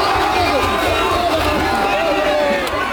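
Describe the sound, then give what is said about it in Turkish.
A large crowd of Spanish football fans gathered in Madrid, Spain, to watch the final roars and cheers with flags in a loud, unbroken wash of overlapping voices, with shouts and chants supporting their team blending into a dense, steady din throughout. “Başkent Madrid'de final mücadelesini izlemek için toplanan taraftarlar bayraklarla ve tezahüratlarla takımlarına destek oldular.”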